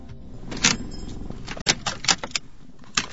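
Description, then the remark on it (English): A car engine rumbles low, then cuts out as the car pulls up and settles to a stop at a suburban unit in Launceston, Tasmania, Australia, with several bright clinks and rattles like keys jangling around it. “I've pulled up to a suburban unit in Launceston, a small city in Tasmania, the island state at the bottom of Australia.”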